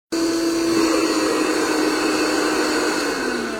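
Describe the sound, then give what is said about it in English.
A vacuum cleaner runs steadily and loudly as floors are vacuumed, its motor whine holding a constant pitch that sags slightly near the end, with a broad rushing hiss underneath. No one speaks. “Seems like all I do is mop and vacuum these floors.”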